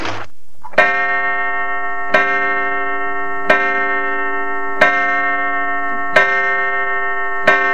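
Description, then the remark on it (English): A clock chimes six times for six o'clock in a steady, evenly spaced rhythm, each bright ringing strike sustaining and fading before the next, heard clearly with no voices. “Six o'clock, Mother's late.”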